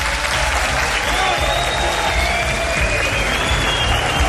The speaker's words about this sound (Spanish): Programa especial desde una ciudad mágica, desde Teruel, y desde este flamante Teatro Marín, que se sienta el alma de esta tierra con un aplauso de todos vosotros.